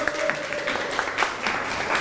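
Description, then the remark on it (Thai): A group of students in a class claps steadily for a student representative coming to the front, a dense patter of many overlapping hand claps at an even level, with a faint tone briefly sounding early on. “เดี๋ยวเชิญตัวแทนนะครับมาด้านหน้าแล้วก็ตอบแต่ละข้อให้ฟังได้เลยครับนักเรียนปรบมือให้ตัวแทนด้วยครับ”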